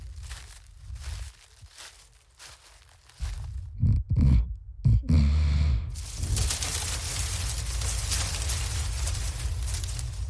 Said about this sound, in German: Das Käuzchen ruft.